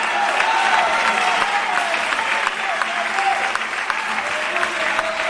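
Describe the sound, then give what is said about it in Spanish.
A church audience claps loudly and steadily during a sermon, dense overlapping applause lasting several seconds, with a faint murmur of voices beneath it. “Oh, santo, santo, dele fuerte ese aplauso.”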